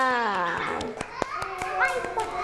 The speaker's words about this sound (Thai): ยอดเยี่ยมเลยค่ะเด็กๆปรบมือให้ตัวเองหน่อยค่ะ